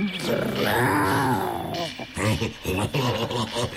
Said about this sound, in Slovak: Čo to? Ona tuším vrčí. A zakráda sa ako...